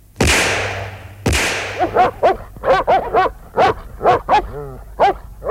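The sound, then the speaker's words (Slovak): Two sharp, loud gunshot cracks ring out, followed by a stray dog barking rapidly and yelping in quick bursts, with some whimpering cries mixed in, insistent, with no one talking. “Je to túlavý pes, strieľaj!”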